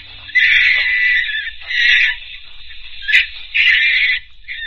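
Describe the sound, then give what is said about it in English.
Monkeys at the zoo in Regent's Park shriek in loud, harsh bursts, with three long screeching calls and a short sharp cry between them, insistent against a low background rumble. “Funny thing about monkeys, sir.”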